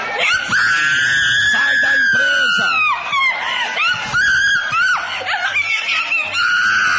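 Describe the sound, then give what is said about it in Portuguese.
A person screams loudly and continuously in long, strained, wavering cries during an exorcism, while other voices shout and clamor underneath throughout. “Vai gritando para Jesus queimar ele. Olha o desespero do diabo.”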